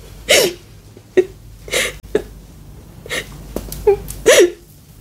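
A girl sobs close by in short, gasping, hiccuping bursts, several catches of breath in an uneven rhythm with brief quiet gaps, no words spoken.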